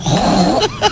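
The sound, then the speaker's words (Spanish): A woman on Basque regional television, ETV, imitates a pig with her voice: a drawn-out nasal grunt followed by two short, snorting bursts, fairly loud, with no other talk over it. “Un cerdo.”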